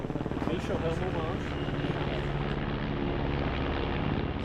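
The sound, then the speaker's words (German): A helicopter, one of nine deployed against a forest fire near houses, thuds steadily with a rapid, pulsing rotor chop and engine whine, loud throughout, while a person talks over the noise. “600 Feuerwehrleute, 9 Hubschrauber sind im Einsatz.”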